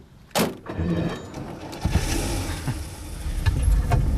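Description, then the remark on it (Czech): A sharp thump at the start gives way to a steady low engine rumble and road noise of a custom-made yellow car driving into town for lunch at a constant pace, with no one talking. “Říkal jsem si, že bychom zajeli do města na oběd. Co říkáte? Chcete řídit?”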